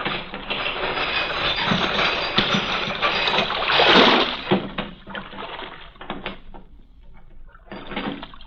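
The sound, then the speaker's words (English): A heavy harbor chain that closes the mouth of the port at night is lowered, rattling and grinding steadily, surging loudest near the middle, then slowing into scattered metallic clanks and knocks, with a faint watery wash underneath. No one speaks. “Chain that closes the mouth of the port at night is lowered.”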